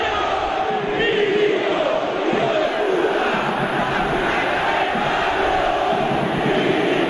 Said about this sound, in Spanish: Se escucha, ¿no? Acá no es la gente que grita contra la comisión. No sé si va a terminar el mandato de Milito, porque todo el mundo insulta a Milito. No son todos los 40.000 que hay, pero 20.000 que lo insultan no es poca cosa para un ídolo.